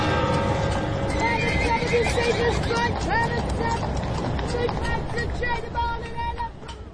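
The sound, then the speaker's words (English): A horse with a wagon whinnies loudly while hooves clip-clop steadily underneath, on a street in Syracuse, with a faint murmur of background voices and street noise throughout. “I can go back to the point where there was horse and wagons.”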